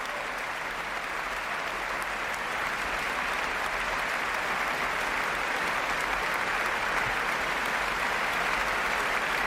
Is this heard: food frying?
no